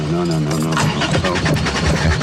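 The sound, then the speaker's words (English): A flooded car engine cranks over and over in a rapid, rhythmic churn without catching, loud, with voices overlapping the noise. “You flooded it. I think you flooded it.”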